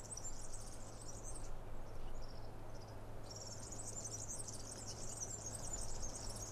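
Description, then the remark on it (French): Birds chirp steadily in shaded woodland of Mediterranean vegetation, a dense high-pitched trilling that dips briefly and then swells back, with a low constant hum underneath and no voices. “Ombragée, laissant les gazouillis des oiseaux.”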